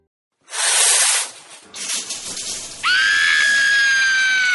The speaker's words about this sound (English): Why is the water freezing? Cold showers are the worst.